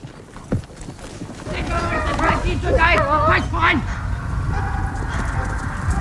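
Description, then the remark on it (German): A border security post's service dog, deployed against border violators, barks in a rapid, agitated series of loud barks that peak midway, then trails off into a steady rumble of background noise. “Doch ist der Sicherungsposten gezwungen, den Diensthund einzusetzen.”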